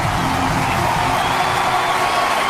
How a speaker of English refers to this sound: This crowd roaring.